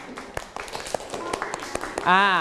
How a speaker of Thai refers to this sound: นั่งลงได้ครับปรบมือให้เพื่อนหน่อย